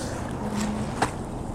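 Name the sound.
wind blowing outdoors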